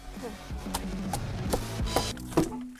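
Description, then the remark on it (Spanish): Heavy hammer blows strike at an uneven pace during demolition work to rebuild a run-down greenhouse in 30-degree summer heat. About five sharp, ringing impacts sound over a low, steady hum. “Simplemente descargar en este martillo todo lo que se acumula.”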